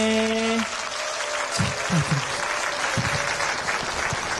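An audience breaks into steady applause, a dense wash of many hands clapping that holds a fairly even level throughout, with a brief sustained tone fading out at the very start.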